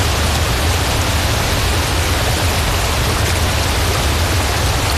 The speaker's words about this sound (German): An einem rauschenden Bergbach oder an einem stiebenden Wasserfall, da ist es schön kühl.